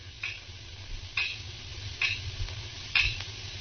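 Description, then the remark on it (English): Four crisp, evenly spaced ticks of a clock, a little under a second apart, sound over a low background rumble in an otherwise quiet room. “I could hear the clock ticking away the seconds.”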